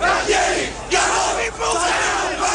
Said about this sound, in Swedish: What was intended as a rally of support quickly erupted into angry denunciations of Galtieri and his commanders for losing the Falklands.